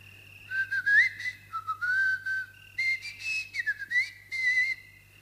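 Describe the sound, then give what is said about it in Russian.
A long drawn-out whistle, sustained and gliding up and down in pitch across several connected phrases, moderately loud with no talking, over a steady low hum. “И спустил протяженный свист.”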